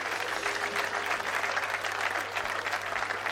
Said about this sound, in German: Applaus für all die schönen Taschenlampen.